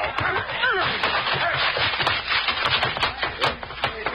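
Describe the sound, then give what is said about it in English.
The door to an office that is on fire is busted down: a run of heavy, irregular wooden thuds and cracks, one blow after another, over a dense, noisy commotion with faint voices mixed in. “Bust that door down.”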